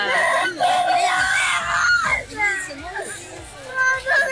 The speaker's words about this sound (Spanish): Bueno, se sienten gritos, ¿pero qué se siente pasó?